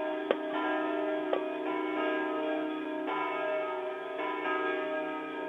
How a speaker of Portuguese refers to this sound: Mas então, agora nós vamos lá, os sinos da Basílica de Nossa Senhora do Belém estão badalando. Vamos ver se vocês conseguem ouvir lá no fundão.